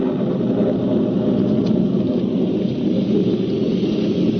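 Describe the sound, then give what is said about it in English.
A heavy cloudburst downpour during a thunderstorm roars steadily while low thunder rumbles underneath, a dense, constant wash of rain with no voices, loud throughout. “Soon afterwards, it began to rain. Then a cloudburst hit.”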